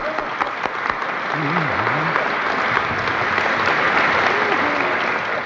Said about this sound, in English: Oh, you sang pretty. I'll clap for you.